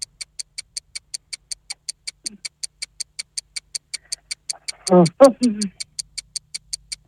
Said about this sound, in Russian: Часики тикают, какой ответ? Ваше время истекло.